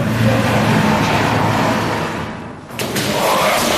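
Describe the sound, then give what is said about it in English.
A loud, steady engine drone from an attack drone passing over a port in Ukraine during an air raid, a low buzzing hum over broad noise that dips briefly before swelling back into a rough roar. No one speaks. “Is that the drone, or is that a Ukrainian Air Force? That's the drone.”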